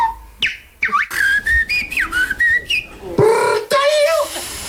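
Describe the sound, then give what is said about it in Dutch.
A person whistles in imitation of birdsong at the Dutch bird-whistling championship in a park in Utrecht, with rapid warbling trills, sliding chirps and sharp high notes coming in quick, varied phrases, with no talking. “En in een park in Utrecht kwamen kunstfluiters gisteravond bijeen... voor het Nederlands kampioenschap vogelfluiten.”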